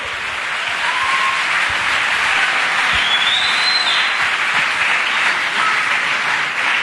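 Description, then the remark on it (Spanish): A crowd breaks into sustained applause, many hands clapping in a dense, steady roar that stays loud for several seconds, with a few faint whistles riding over the top. “Si va a aplaudir, hágalo bien.”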